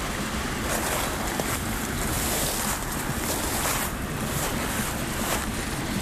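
Water and wind roar together in a dense, steady wash of noise, surf-like and loud, with gusts swelling and easing throughout and no voices.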